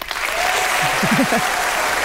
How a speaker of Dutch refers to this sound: Dat applaus, dat kan nog veel harder.